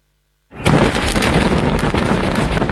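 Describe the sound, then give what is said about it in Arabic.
A massive night-time blast on the Ali al-Taher heights, as the Israeli army detonates a network of underground facilities and tunnels with about 1,100 tons of explosives, erupts after a half-second of silence, a sudden deep boom that swells into a sustained, loud rumbling roar that doesn't fade. “بلحظة اهتزت مرتفعات علي الطاهر ليلا، كتلة نار هائلة ارتفعت فوق المنطقة بعدما فجر الجيش الإسرائيلي شبكة من المنشآت والأنفاق تحت الأرض مستخدما نحو 1100 طن من المتفجرات.”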